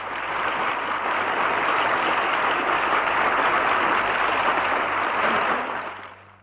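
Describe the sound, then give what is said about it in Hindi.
A large crowd applauds thunderously after a speech by Swami Vivekananda, the dense, steady roar of clapping filling a big hall before tapering off quickly at the end. “स्वामी विवेकानंद का ये भाषण सुनकर लोग मंत्रमुग्ध हो गए और तालियों की गड़गड़ाहट से भवन गूंज उठा।”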